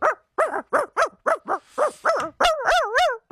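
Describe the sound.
A person imitates a dog, letting out a rapid string of about eight sharp yapping barks, then drawing into longer wavering whines at the end.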